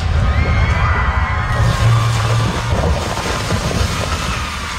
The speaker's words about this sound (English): Protesters screamed as workers ripped the towering cottonwood out of the ground.